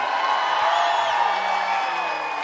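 A crowd applauds and cheers in a steady, dense roar with no pauses, and a few high whistles ring out over the clapping.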